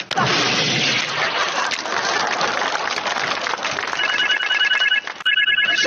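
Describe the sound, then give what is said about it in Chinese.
A telephone starts ringing partway through with a call from the manager, a steady electronic warble sounding over a loud, continuous wash of crowd noise like applause, then briefly cuts out and resumes. “你们经理电话，你们经理的电话。”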